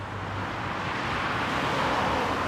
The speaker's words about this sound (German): Noch aber dürfen Autos hier mit 50 Kilometer pro Stunde vorbeifahren.